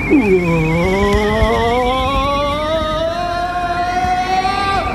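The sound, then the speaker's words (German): A car drives through a road tunnel, its engine droning loud as the pitch climbs steadily over several seconds, with a continuous rushing roar and no voices. “Na, sie sind abgebogen und fahren gleich da vorne in den Straßentunnel.”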